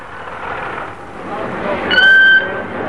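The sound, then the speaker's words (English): A killer whale named Ramu, being lowered into a crate packed with ice and foam rubber, lets out a single loud, high-pitched squealing whistle lasting about half a second, rising above a steady wash of noisy background rumble. “It was rather undignified treatment for a killer whale, as Ramu protested.”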